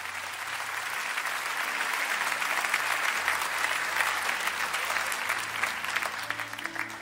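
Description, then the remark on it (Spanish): An audience applauds God steadily, a dense wash of many hands clapping that holds at an even, fairly loud level for several seconds, with faint low organ or keyboard tones beneath. “Denle un aplauso a Dios.”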